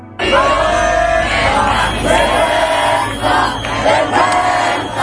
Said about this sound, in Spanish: Al grito de vergüenza y de huelga general se dirigían de nuevo a la Puerta del Sol, donde todavía miles de personas permanecen acampados a la espera de ver cuáles serán los siguientes pasos.